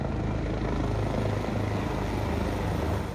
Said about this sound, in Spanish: Como parte del evento, un homenaje también surcó los cielos, en donde tres helicópteros rindieron tributo a todas las víctimas de uno de los sucesos más desgarradores de la historia moderna de los Estados Unidos.